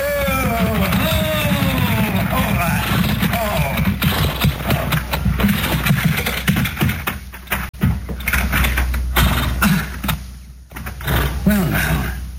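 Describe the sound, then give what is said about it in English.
A peddler's horse-drawn wagon pulls into a yard with steady clip-clopping hooves and rattling knocks, fairly loud, with voices and what may be a horse's whinny mixed in over a low rumbling background. “There's a wagon pulling into the yard.”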